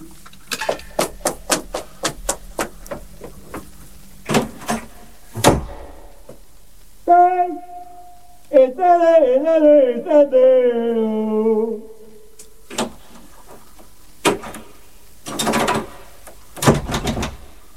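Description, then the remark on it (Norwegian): A door is rattled hard against a jammed lock: rapid clattering knocks, a long wavering whine in the middle, then a few more heavy thumps and jolts, loud. “Jeg har låst deg ut. Det er vranglåst på døren her nå.”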